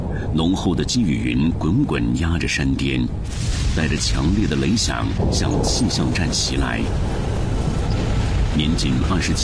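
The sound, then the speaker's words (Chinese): Loud, continuous thunder rumbles deep and heavy for the whole stretch, with a voice talking over the roar. Dense cumulonimbus clouds press on a mountain peak as the storm strikes a mountaintop weather station, at noon in July 1967. “浓厚的积雨云滚滚压着山巅，带着强烈的雷响向气象站袭来。”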